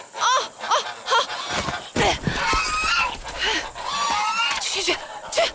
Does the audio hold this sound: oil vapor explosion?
no